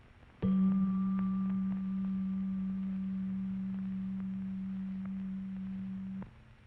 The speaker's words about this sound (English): Next, we hear G below middle C.